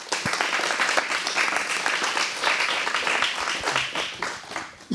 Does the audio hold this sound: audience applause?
yes